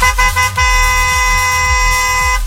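A loud, sustained car horn blares almost continuously, with a brief break near the start before holding steady for about two seconds, over a low rumbling engine pulse.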